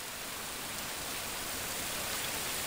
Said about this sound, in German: Während die Fontäne langsam einsinkt, zerstreuen sich die Zuschauer, suchen die Cafés auf oder vielleicht das Museum im Schloss Wilhelmshöhe.